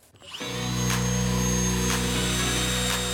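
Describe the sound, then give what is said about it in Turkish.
An electric drill spins up after a brief pause and keeps running with a steady, loud motor whine for a few seconds, with no voices. “matkap nerede?”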